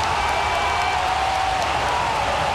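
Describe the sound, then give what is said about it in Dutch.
A stadium crowd at Anfield, during Liverpool's football match against City, roars in a steady, loud wash of massed voices that holds without letup for a couple of seconds, with no single voice standing out. “Anfield schreeuwt. Maar nog altijd niet voor een doelpunt.”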